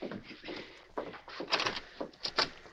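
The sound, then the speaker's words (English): The front door of a ranch house is knocked on and then opened, with a few sharp wooden thumps and a rattling latch scattered over a couple of seconds. No one speaks. “Later that evening, rancher Dominic Taylor, seated at a desk in his ranch house, pushed aside the business papers he'd been studying as he heard a knock on the front door.”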